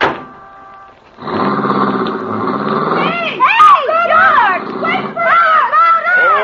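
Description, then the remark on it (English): A car engine turns over and catches after a brief pause, settling into a steady rumble that keeps running as several voices talk loudly over it. “Well, here's my car.”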